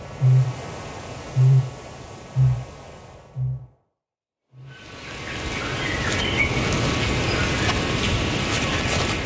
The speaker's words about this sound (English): Ruru chicks chitter away, while from the island tops in the distance, a kākāpō is booming. hopelessly late for this breeding season. Maybe practicing for the next.